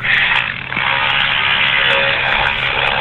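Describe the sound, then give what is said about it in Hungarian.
Wood being cut in the background while a radio caller works building a gate: a steady, loud droning buzz that runs through the whole clip, heard through a narrow, telephone-like line with no voices. “Favágás van a háttérben.”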